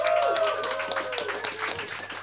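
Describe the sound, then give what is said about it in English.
An audience applauds everyone at the close of a literary reading, a dense patter of many hands clapping at once, moderately loud and sustained throughout without any voices standing out. “Another round of applause for everyone.”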